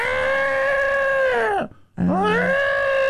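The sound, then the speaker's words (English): A voice imitates an elephant's trumpeting: a loud, brassy call that bends downward, breaks off briefly, then rises again into a second sustained blare, with no talking. “Oh, there's the elephant.”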